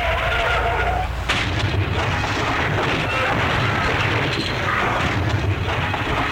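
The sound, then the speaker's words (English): A loud car crash sound effect: a roar of screeching, grinding noise with a sharp impact early on, then sustained crunching and rumbling debris that fills the whole stretch. “Well, do you think I should offer him a bumper sticker for what's left of his car?”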